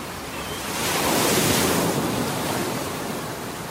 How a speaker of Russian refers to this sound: Отец видел, как мальчик взывает о помощи, но криков его уже не было слышно. Их заглушали шум ревущей воды и порывы ветра.